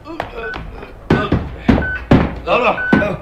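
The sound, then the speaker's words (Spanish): An FBI lieutenant and three soldiers wrestle the heavy beam off an enormous metal door: a run of loud, weighty thunks and clanks, about four strong hits with a faint metallic ring between them, and no voices. “El teniente Harrison del FBI y tres soldados más quitan la pesada viga que cierra aquella puerta metálica.”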